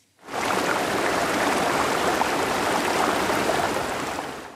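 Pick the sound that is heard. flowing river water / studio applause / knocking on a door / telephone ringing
flowing river water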